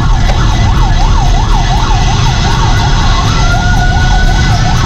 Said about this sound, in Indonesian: Oke, nampak ada satu unit damkar. Baik. Ketika kendaraan damkar melintas pun ya, ini tadi juga masih menyalakan sirine dengan kecepatan penuh kawan.